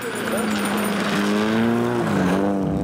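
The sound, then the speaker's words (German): An old, battered car's engine roars steadily as it accelerates hard on a remote dirt track in northwestern Sweden in the morning, its pitch climbing and dipping as it revs hard, with a rough, loud drone throughout. “drückt auf einem entlegenen Feldweg ordentlich aufs Gaspedal.”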